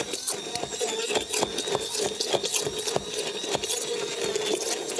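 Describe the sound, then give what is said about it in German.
A blender whirs steadily, its motor grinding loudly with a rapid, rhythmic chopping texture as the food churns, running continuously without pause and without any talking. “So, das mixe ich nachher gleich nochmal weiter.”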